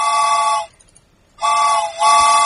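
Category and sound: vehicle, train whistle sound effect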